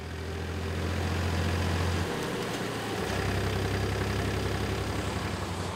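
tractor engine running

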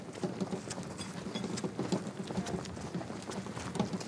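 horse-drawn carriage hooves clip-clopping

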